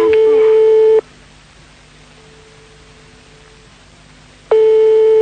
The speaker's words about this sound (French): Pour l'instant, maintenant, ça sonne dans le vide.